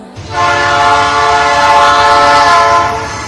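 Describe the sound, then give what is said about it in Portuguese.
An approaching train's horn blares in one long, sustained, loud chord over a low rumbling of the train, with no talking. “O uso de telefone e conversas nestes locais pode tirar a nossa concentração e foco, o que torna difícil ouvir a aproximação do comboio.”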